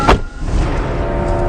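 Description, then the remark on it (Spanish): A sharp car door thump at the start as someone gets into a car, followed by a steady low rumble of the vehicle interior with the engine idling. No one speaks. “Sube al auto.”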